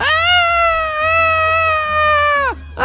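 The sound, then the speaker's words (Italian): A voice imitates a seagull cry as a cheer for a winner, with a long, loud, strained wail that holds a steady high pitch, then drops off sharply before a brief rising yelp starts at the very end. “Quindi facciamo un grande Grido del Gabbiano per la nostra vincitrice.”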